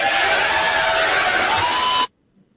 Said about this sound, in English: And the crowd went wild.